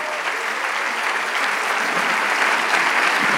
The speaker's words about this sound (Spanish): El que va a hacer la obra es el Señor. Le damos el aplauso al Rey de Reyes.